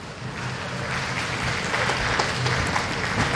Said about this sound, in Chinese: 嗯，旁边的掌声是送给莫菲和桑卡姆这场比赛的。10局比赛战罢，桑卡姆6-4战胜了肖恩·莫菲，拿到了第一张半决赛的门票。